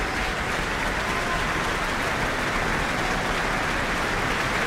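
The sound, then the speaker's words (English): A large audience at an Auckland Philharmonia concert applauds steadily as the New Zealand Opera Chorus comes onto the back of the stage after a performance of Puccini's Madame Butterfly, a dense, even roar of clapping that holds at a constant loudness throughout, with no voices breaking through. “The New Zealand Opera Chorus are now coming on to the back of the stage to receive their applause.”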